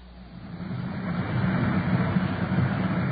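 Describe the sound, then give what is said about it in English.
A police patrol car, car 5-6, on patrol in Culver City, California: its engine drones steadily from inside the vehicle, a low rumbling hum that builds slightly in loudness and holds, with road noise and no talking. “We switch you now to car 5-6 on patrol”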